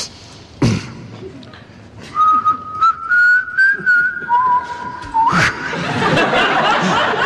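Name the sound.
whistling a tune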